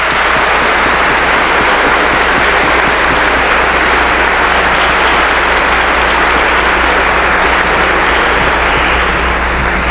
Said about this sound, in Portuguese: E uma salva de palmas para as nossas crianças.